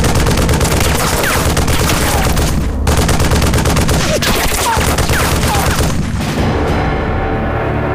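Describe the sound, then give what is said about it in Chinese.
Loud, sustained bursts of machine-gun fire rattle on without pause, dense rapid cracks with heavy low booms mixed in, broken only by a brief lull before the shooting resumes. “大哥，稍等，这机枪准备。 射击。”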